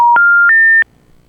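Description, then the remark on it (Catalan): Modem tones heard on a phone line when a call is answered: a loud, clean electronic beep steps upward in pitch through three steady notes over under a second, then cuts off abruptly, leaving faint line hiss. No voices. “això és un mòdem. No és telèfon.”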